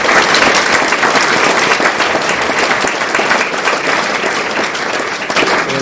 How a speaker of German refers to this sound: Applaus.